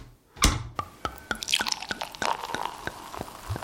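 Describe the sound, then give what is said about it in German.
Water drips steadily in a sauna at a luxury hotel in Vienna's Josefstadt, about a dozen sharp, bright drops landing at an irregular but fairly even pace, each a quick plink with a wet splashy edge over a faint background hiss. No one speaks. “In eine Sauna schickst mich nie wieder”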